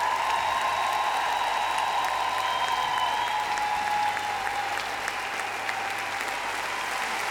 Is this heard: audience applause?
yes